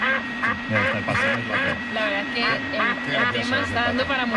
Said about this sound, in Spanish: Nada, se ríe, nada, el pato se ríe, ¿no?